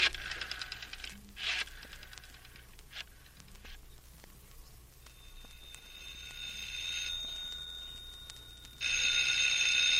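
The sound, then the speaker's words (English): A telephone bell rings in bright, metallic jangling bursts, with a steady high tone in between and a loud, sustained ring at the end. No one speaks. “The telephone's ringing.”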